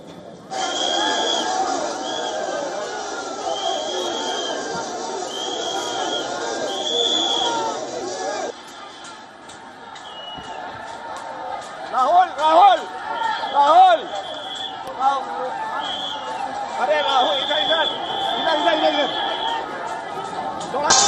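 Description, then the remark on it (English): A dense crowd of demonstrators at a protest site in Delhi fills the scene with continuous loud chatter and overlapping voices, with occasional louder shouts rising above the steady hubbub, while hundreds of Delhi police and paramilitary personnel are deployed to stop their march. “Now remember, the protest site remains packed with demonstrators as hundreds of Delhi police personnel and paramilitary forces were deployed to prevent the march from advancing.”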